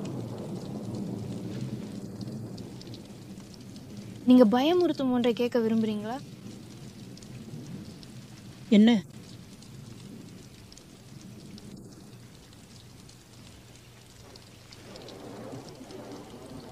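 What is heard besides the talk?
thunderstorm with rain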